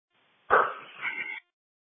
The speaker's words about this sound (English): It's a Rottweiler, and it's barking a lot.